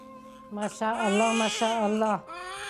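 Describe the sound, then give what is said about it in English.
A newborn baby boy, just delivered on Christmas Day, cries in a loud, high-pitched wail, a few quick broken bursts that rise and fall in pitch before trailing off. A faint steady tone hums underneath. “Did you hear him cry?”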